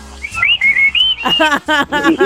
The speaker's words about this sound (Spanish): A ver, un chiflido de todos los trabajadores. A ver, quiero escucharlos.